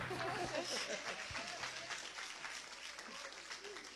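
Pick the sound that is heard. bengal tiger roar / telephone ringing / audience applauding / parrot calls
audience applauding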